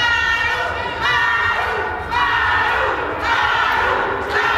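A crowd of protesters shouts and chants together in loud, sustained bursts, voices rising in rhythmic waves with brief dips between cries, steady and continuous throughout, at an airport terminal, shouting support for Governor Maru Campos as Morena leaders Ariadna and Andy López Beltrán arrive.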